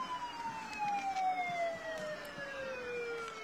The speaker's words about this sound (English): And see, those kids on top, I think they're regretting their choice to sit up there every time that horn goes off. That horn blows right in their face.